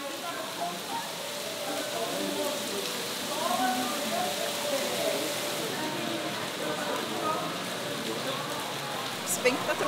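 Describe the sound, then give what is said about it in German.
Heavy rain pours down in a dense, steady hiss that hardly changes for the whole stretch, with faint, indistinct voices murmuring underneath. “Doch der Herr scheint nicht wohlgesonnen. Himmlische Fluten.”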